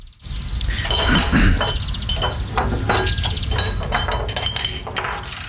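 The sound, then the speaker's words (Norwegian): Glasses clink against each other again and again in a busy, continuous jangle, fairly loud, with sharp bright taps layered over a steady low rumble and no one speaking. “Da er det flere av dere lyttere som mener, og foreslår blant annet litt sånn kremt og klirring.”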